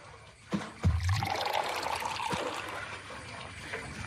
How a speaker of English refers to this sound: So let's fill up this large empty bottle with Zamzam water so Adnan can take a drink after making all of that tawaf. Click on the bucket in the well to fill it with water.